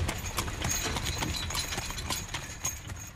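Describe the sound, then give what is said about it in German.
The hooves of two horses clip-clop in a steady, uneven rhythm of sharp knocks while they pull a rolling wagon, its wheels adding a low continuous rumble beneath the hoofbeats; recorded during a guided tour in the Fritz-Enke-Volkspark, Cologne. “Der Fuhrmann ging stets neben seinen beiden Pferden.”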